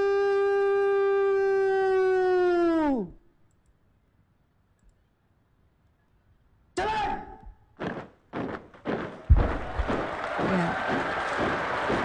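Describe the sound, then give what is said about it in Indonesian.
A long, steady brass-like note slides down and stops, then silence, a few sharp thuds and clicks, and finally crowd applause rising into a dense, steady patter at the afternoon ceremony lowering the Sang Merah Putih, Indonesia's red-and-white flag, at Istana Merdeka in Jakarta. “Riuh tepukan kini bergema ya di kawasan Istana Merdeka Jakarta sebagai apresiasi atas terlaksananya kegiatan penurunan Sang Merah Putih yang berjalan lancar.”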